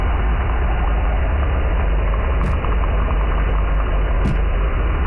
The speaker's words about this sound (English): Probably one of the most prolific sounds I hear is probably ship or boat noise all the time.